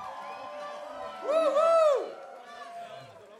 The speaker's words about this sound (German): Einen riesengroßen Applaus für Jasmin.